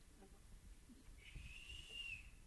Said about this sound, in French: Alors la petite rate siffla.